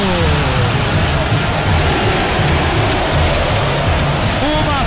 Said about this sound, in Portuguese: Impressionante da torcida do São Paulo aqui no Morumbi.